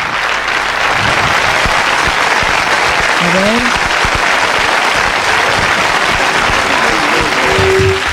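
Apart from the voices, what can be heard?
applause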